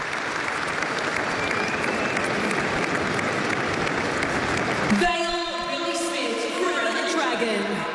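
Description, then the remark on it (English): A large stadium crowd, both teams and their fans, applauds steadily in a dense, sustained roar of clapping for about five seconds in a moment of applause honouring the life and legacy of Billy Smith, then it fades back as a man's voice speaks over the quieter crowd. “So the applause, which is fantastic, a nice way of doing things these days to pay tribute.”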